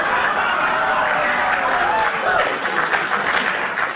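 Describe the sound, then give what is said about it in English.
A crowd applauds loudly and steadily, a dense wash of clapping with scattered cheers and murmuring voices mixed in, sustained at an even level throughout. “Woo! Applause.”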